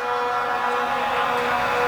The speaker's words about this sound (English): A lot of horns in the crowd tonight. We need more than horns on third down here.